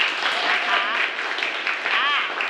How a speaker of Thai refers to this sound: เอาปรบมือหน่อย